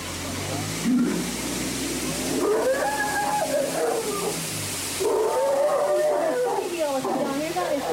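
An Indian elephant at a bathing pool gives a series of wavering, tonal calls that rise and fall like drawn-out moans, fairly loud, over a steady background rumble with no talking.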